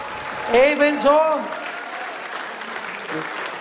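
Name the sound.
strong audience applause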